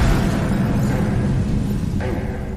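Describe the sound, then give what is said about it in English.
A loud explosion with a deep, sustained rumbling roar that fills the whole clip, and a brief sharp crack near the end as the blast slowly fades. “I believe William Jarvis waited around in the neighborhood till he heard the explosion.”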